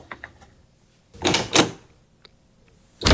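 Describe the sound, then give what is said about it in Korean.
A room door slams shut with one loud, sharp bang, preceded by faint clicks and two softer rattling, shuffling sounds as the door swings. No one speaks. “쾅 소리와 함께 방문이 닫혔다.”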